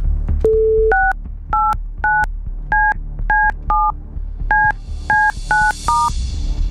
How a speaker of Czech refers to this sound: Doufám, že jsem vytočil správné číslo.